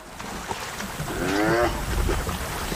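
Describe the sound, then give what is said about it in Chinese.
Two male spotted hyenas fighting: a strained, harmonic whining cry rises and wavers for about half a second amid rough rumbling and scuffling noise that continues throughout. “这两只斑鬣狗为什么打架？”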